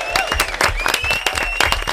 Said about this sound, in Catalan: Molt bé, un aplaudiment, no?